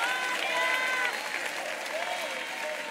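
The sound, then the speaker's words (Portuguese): Sustained applause from a crowd, given to glorify God, a dense steady wash of clapping that stays loud throughout, with faint cheering or voices mixed in underneath. “Aplaude a Ele, glorifica.”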